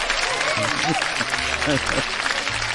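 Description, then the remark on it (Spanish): Audience applause in honor of Rogelio Azcárraga Madero, founder of Grupo Radio Fórmula: a dense, steady wash of clapping that holds at an even level throughout, with a few voices calling out over it. “Un aplauso, que Dios lo tenga donde lo tiene que tener.”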